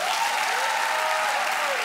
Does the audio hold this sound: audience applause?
yes